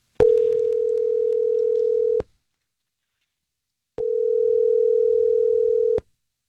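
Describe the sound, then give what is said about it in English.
An outgoing phone call's ringback tone, as a woman is being called, sounds twice, each steady tone lasting about two seconds with a two-second silent gap between, clear and fairly loud with nothing else over it. “Okay, let me go ahead and give her a shot. Go ahead and mute your phone.”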